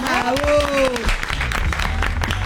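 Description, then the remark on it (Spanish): An audience breaks into dense, steady applause lasting a couple of seconds, with a voice calling out over the clapping at the start. “Bueno, fuerte el aplauso”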